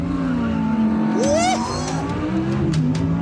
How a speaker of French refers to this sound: On se met en première, à l'arrêt. On appuie sur ce petit bouton qui nous dit qu'on est en mode performance. À fond, pied gauche, à fond sur la pédale de frein, pied droit, à fond sur l'axel, système Launch Control activé.